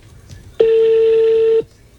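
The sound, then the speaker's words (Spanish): A telephone keypad tone sounds once as a number is dialed: a single loud, steady electronic beep held for about a second, with no talking over it. “Llámela, dígale.”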